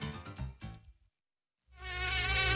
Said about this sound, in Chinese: 随着进一步研究，人们又发现了蚊子隐蔽的发声器官，它们发出的嗡嗡声又暗藏着怎样的玄机？